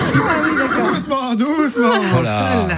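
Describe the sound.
A loud, quavering horse whinny rises and shakes through its pitch in the second half, following a stretch of busy, overlapping voices and murmur. The horse, called Jolly Jumper, is the one a man arrived on this morning.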